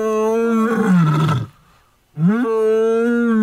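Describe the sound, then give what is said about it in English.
A lion's mating call: two loud, deep, rasping roars, the first sliding downward in pitch, separated by a brief silence, with no talking. “there is a file that says lion mating call.”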